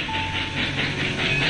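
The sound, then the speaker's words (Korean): A train rumbles steadily along the tracks on a late-winter trip, after light rain has cleared and the weather has turned fine, with a continuous hiss and faint rhythmic rail noise, fairly loud with no one speaking. “기차를 타고 여행을 떠났다.”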